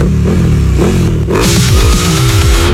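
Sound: motorcycle engine revving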